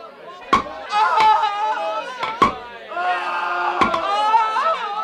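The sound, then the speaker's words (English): Four sharp, loud hammer blows strike nails at irregular intervals as soldiers nail robbers to crosses at a Roman crucifixion, ringing over a steady chorus of crying, wailing voices. “Get the nails and the hammer.”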